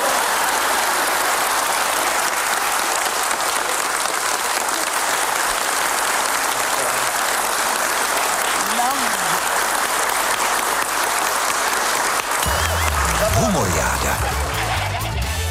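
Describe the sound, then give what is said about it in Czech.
Sustained audience applause, a dense steady roar of many hands clapping for about fifteen seconds, with a few brief vocal sounds rising through it toward the end. “Perfektní prognóza, promptně provedu potlesk!”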